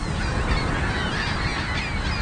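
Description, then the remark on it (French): A dense chorus of gulls calling all at once as they take flight from a roof after a pyrotechnic pistol is fired to scare them off, harsh overlapping cries that stay loud and steady throughout, with a rushing outdoor background and no voices. “les goélands retournent à leur nid quelques secondes seulement après le déclenchement du pistolet pyrotechnique”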